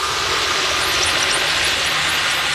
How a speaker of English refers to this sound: Sometimes if I hit a bit with a lot of noise pollution and a lot of engine noise, I have to like take a break and take the headphones off for a bit because it's just a lot.